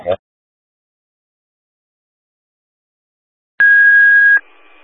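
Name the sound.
fire dispatch alert tones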